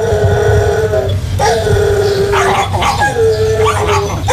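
Several dogs at an animal shelter in Opole, Poland, bark, yip and whine at once in a loud, echoing chorus, with high drawn-out whimpers and howl-like tones layered over sharp repeated barks.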